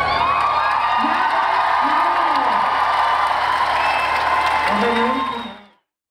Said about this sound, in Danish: Og i den sidste udgave i Valbyparken i dag, var det også den sidste gang, … var frontfigur efter 4 årtier. Og han blev klappet ud.